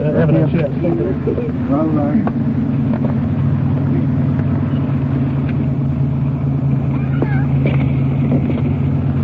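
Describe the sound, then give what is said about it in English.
A car engine hums in a steady, continuous low rumble, as if heard from inside a slowly moving vehicle, as the car is pulled up against the curb out of the middle of the street, with faint muffled voices near the start. “Why don't you pull it up against the curb and get out of the middle of the street?”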